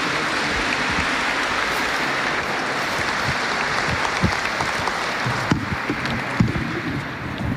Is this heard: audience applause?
yes